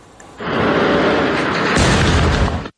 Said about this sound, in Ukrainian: Вибухи один за одним 9 годин поспіль. Так, у ніч проти середи українці били по військово-морській базі в Новоросійську.